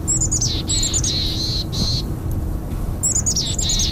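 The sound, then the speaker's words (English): Small birds chirp in quick repeated bursts of high, bright notes with short pauses between, over a steady low rumble of outdoor background noise at Kenna Cartwright Nature Park in Kamloops; no one speaks. “One of the most beautiful parts about working with birds is learning to see and hear.”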